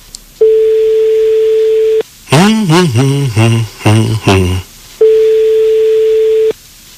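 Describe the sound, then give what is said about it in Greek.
A steady telephone line tone hums for over a second, breaks into a brief burst of warbling, voice-like tones, then returns unchanged for another long stretch; no ringing follows. “Και δεν χτυπάει το τηλέφωνο.”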